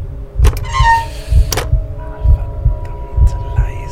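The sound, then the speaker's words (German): A rusty old iron door handle gives a short, high, wavering squeak as the door creaks open inward, over a steady, thudding heartbeat and a low, constant hum. “Das rostige Quietschen erschien mir lauter zu sein als das Pulsieren meines Blutes, das mir durch die Ohren rauschte.”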